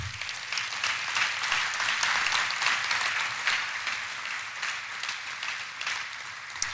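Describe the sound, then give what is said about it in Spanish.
An audience breaks into sustained applause for God, a dense, steady wash of many hands clapping at an even loudness for several seconds with no one speaking over it. “Un aplauso para Dios.”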